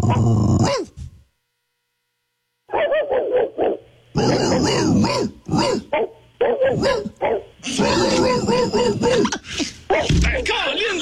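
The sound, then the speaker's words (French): A caller from Victoriaville imitates a big mutt dog, letting out gruff barks, growls and whiny yelps in repeated bursts after a brief pause, with another voice joining in at times, in a duo as if two dogs meet at a dog park. “tu nous as fait le gros chien bâtard.”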